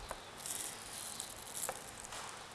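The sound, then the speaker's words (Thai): A few soft, irregular knife taps against a cutting board as steamed egg white, beaten with about 2 spoons of water, is sliced into small pieces, faint over a low hiss, with no talking. “อันนี้ก็เป็นไข่ขาวที่เรานึ่งเรียบร้อยแล้วนะคะลักษณะแบบนี้เราก็จะหั่น”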